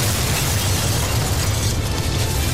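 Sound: huge explosion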